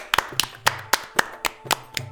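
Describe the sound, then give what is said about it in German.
Three people, children and their grandfather, clap their hands for a dancer as she bows at the end of her dance: eight sharp, loud claps in a steady rhythm about a quarter second apart, with a low hum underneath and no voices. “Als Fatima sich am Ende verbeugt, klatschen die drei ganz oft und ganz laut.”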